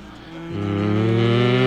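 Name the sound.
cow mooing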